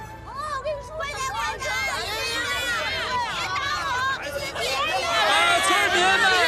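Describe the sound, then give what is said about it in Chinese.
A crowd of villagers in Liujiawan village, China, chatters all at once before a village committee director election meeting. Many overlapping voices form a steady, busy babble with no single speaker standing out. The hubbub holds constant and swells slightly louder toward the end. “村民们，安静一下啊！咱们这个会啊，马上要开始了。”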